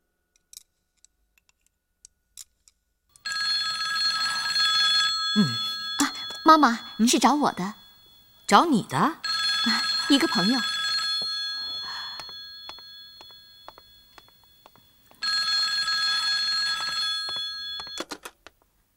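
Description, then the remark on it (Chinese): A telephone bell rings in long steady bursts with a bright, multi-toned metallic tone, starting after a quiet stretch, while voices talk over part of the ringing before it resumes alone. “哈，对不起，刚刚你来电话的时候，我正在忙。”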